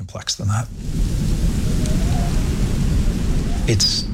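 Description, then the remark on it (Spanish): A thunderstorm roars in, heavy steady rain hissing over a deep, continuous thunder rumble, loud throughout, after a brief murmur of a voice at the very start. “El norte de la isla está casi siempre sumido en la oscuridad y hay fuertes tormentas.”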